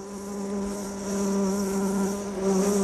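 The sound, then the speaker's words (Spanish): A male bee buzzes continuously for a few seconds, a steady droning hum that swells slightly in loudness, with no voices present. “Su disfraz es tan convincente que las abejas macho copulan con ellas creyendo que están fecundando a hembras de su propia especie.”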